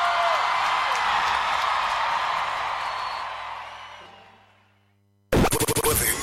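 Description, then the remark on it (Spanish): A crowd applauds loudly with some cheering for a music act, the clapping gradually fading away over several seconds before a brief silence and an abrupt, loud burst of unrelated sound. “¡Un aplauso muy fuerte para esta evidencia de la música!”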